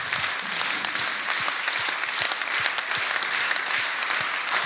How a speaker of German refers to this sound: Das ist euer Applaus.